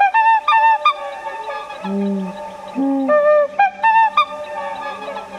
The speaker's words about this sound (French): Le Labo Radio promène ses micros en forêt de Sivens.